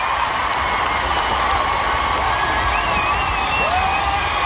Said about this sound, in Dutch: Dit applaus duurde minstens een minuut. En uiteindelijk stond hij weer op en heeft hij de show gewoon voortgezet alsof er niks aan de hand was.